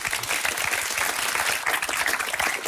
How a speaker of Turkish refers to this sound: Bence yani, bu alkış almaz mı?